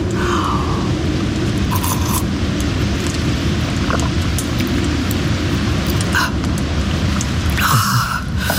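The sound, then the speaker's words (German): An approaching thunderstorm: a steady, deep rumble rolls on without a break, with a faint rain-like hiss above it and a few short crackling bursts. No one speaks. “Jetzt zieht auch noch ein Gewitter auf.”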